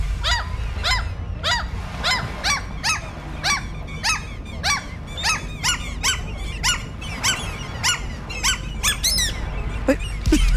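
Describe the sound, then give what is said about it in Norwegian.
A voice imitates a seagull with a rapid, steady string of high, squeaky squawks over a low background rumble, the last cries sounding strained and choked. “Altså, den siste makka der hadde du satt noe i halsen.”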